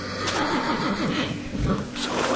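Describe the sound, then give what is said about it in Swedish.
A horse in a stable whinnies uneasily, its trembling, wavering neigh rising and falling for a couple of seconds over a low background rumble. “Men din häst lät orolig.”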